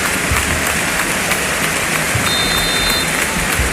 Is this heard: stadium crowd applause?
yes